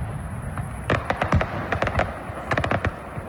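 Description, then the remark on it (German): The opening fireworks display of the Kiliani festival: sharp bangs and crackling bursts in irregular clusters, several loud pops close together, then a pause and another quick volley of crackles over a low rumbling background. “Das war gestern Abend das Eröffnungsfeuerwerk vom Kiliani.”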